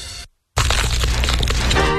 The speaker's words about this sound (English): Hear that crunch? New Orleans Pizza wings are now crispier than ever with their new and improved wing recipe.